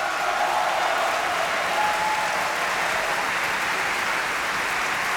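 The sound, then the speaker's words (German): Sustained, dense applause from a large opera audience cheering for Sigi Dai as Zerbinetta, a steady wash of clapping at an even level throughout with a few faint cheers mixed in, no talking over it. “Jubel für Sigi Dai als Zerbinetta.”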